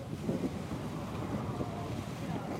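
Wind buffets the microphone while rough water churns and slaps around a boat in the Vavu atoll amid strong currents, a steady rumbling roar with no voices throughout.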